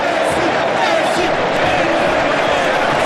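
Football fans in a large stadium stand, roar and applaud as Messi is substituted in the 80th minute of Argentina's World Cup match after his hat-trick, in a dense, steady wash of cheering and clapping that stays loud and unbroken for the full few seconds.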